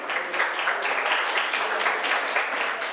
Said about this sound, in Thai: เดี๋ยวดูนะคำตอบถูกไหมนะคะถูกไหมคะปรบมือให้เพื่อน